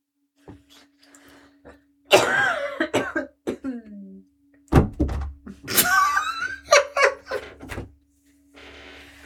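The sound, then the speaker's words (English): A harsh coughing fit: repeated bursts of hacking coughs in uneven clusters, with a heavy thud partway through as a phone drops onto the floor. “…'s just after a coughing fit thrown her phone on the floor.”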